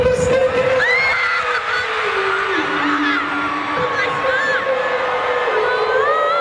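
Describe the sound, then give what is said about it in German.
A loud, dense crowd of fans roars and shrieks continuously at a a band's concert in Munich, Germany, with high excited screams and whoops layered over a sustained sung tone as the band sings a viral hit live. “Haben sie einfach den viralen Hit, der durch die ganze Welt gerade geht, dieses … gesungen”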